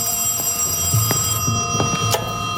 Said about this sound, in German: Gegen Abend klingelte erwartungsgemäß das Telefon.